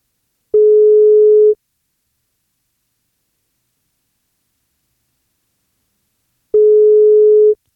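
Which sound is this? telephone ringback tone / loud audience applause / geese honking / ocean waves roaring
telephone ringback tone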